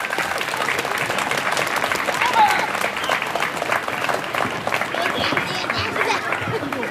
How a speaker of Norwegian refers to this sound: Men jeg bare en skarve rektor, jeg kan ikke åpne noen skolegård eller klippe noen snor, derfor så må alle sammen gi en varm applaus til ordfører Jan Morten.